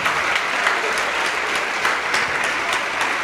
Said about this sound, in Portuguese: Vamos aplaudir mais ao nome de Jesus, vem.